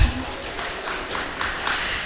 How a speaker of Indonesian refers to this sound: Mau dengar dulu dong, mana nih pendukung dari peserta nomor tampil 5 wanita? Mana tepuk tangannya?